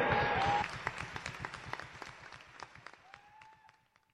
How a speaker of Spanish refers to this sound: Démosle ese aplauso al Señor Jesús. Démosle ese aplauso al Espíritu Santo.